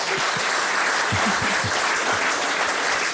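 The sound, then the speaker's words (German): Steady audience applause fills the space, a dense wash of many hands clapping, loud and continuous throughout with no voices rising above it. “Applaus, also von der Ostsee in die Welt, ne?”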